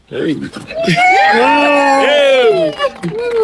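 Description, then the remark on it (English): After a countdown of three, two, one, a few voices break into a loud, sustained cheer as the group steps over a beam of light and out a doorway; overlapping whoops and drawn-out shouts rise and fall in pitch for about three seconds before trailing off, then pick up again. “And so I'm going to do a countdown, and we're going to step over and we're going to cheer, and you walk the beam of light and out the door and into this new season in your lives.”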